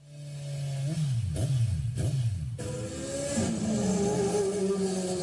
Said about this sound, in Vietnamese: Những chiếc xe máy lao vun vút trên các tuyến phố trong đêm khuya, mang theo đủ loại hung khí nguy hiểm. Không gian yên tĩnh bất ngờ bị phá vỡ bởi những tiếng nẹt bô chói tai liên hồi.